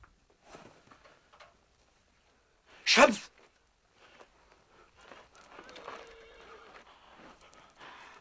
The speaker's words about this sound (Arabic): صهيل الحصان ينبئ بقدوم أحد.